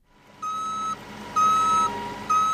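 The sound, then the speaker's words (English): A cargo truck's reversing alarm beeps three times in a slow, steady rhythm, each tone held about half a second, over a low continuous engine rumble, as the truck is being loaded with soybeans. No one speaks. “is loading soybeans into a cargo truck.”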